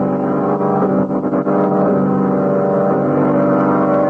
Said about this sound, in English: Oh, car skidded. Went off the road.